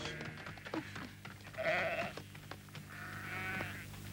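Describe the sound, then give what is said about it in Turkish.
A black goat bleats twice, two wavering, nasal cries, fairly loud, with a low rumble and scattered knocks in the background. “Gördün mü benim kara keçiyi kaybetmişim?”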